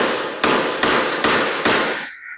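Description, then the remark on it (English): Gunshots from surveillance footage obtained by City News, fired overnight at apartment buildings on Thorncliffe Park Drive in Toronto: five sharp, loud cracks fired at a steady, even pace, each followed by a wash of noise, with no voices. “Those the sound of gunshots being fired from surveillance footage obtained by City News.”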